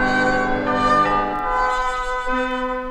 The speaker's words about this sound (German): Wenn alles still ist noch in der Früh, dann hört man die Glocken läuten. Von der Kirche her, so wie am Land, wie damals zu Kindheitszeiten.